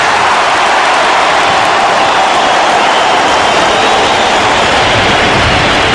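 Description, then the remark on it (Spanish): A huge stadium crowd applauds and cheers after Leo Messi's words, the clapping merging into a loud, steady, hissing roar that holds for the whole stretch with no voices standing out. “Que queden rojas las palmas, señores.”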